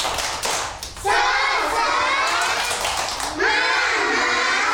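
A group of children at Radio RRI claps and then breaks into a loud, sustained group chant of the 'tepuk semangat' clapping chant, led by their teacher, shouting together in two long bursts with a brief dip between them.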